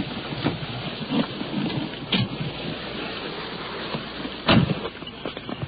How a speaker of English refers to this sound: Rain is coming down now. It's beating down pretty hard as we're crossing this parking lot and heading toward a house, stepping over mud puddles up under a tree.